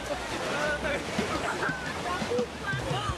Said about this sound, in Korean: 이런 파도가 원망스럽습니다.